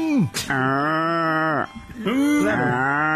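A cow or calf moos twice, a long, loud, drawn-out bellow followed by a shorter second call after a brief pause.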